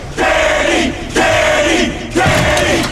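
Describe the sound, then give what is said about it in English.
A crowd shouts and cheers in three loud, sustained bursts with brief gaps between them, a rhythmic chant of many voices yelling together, in a U.S. Army and Ad Council public service message. “Stop shouting already.”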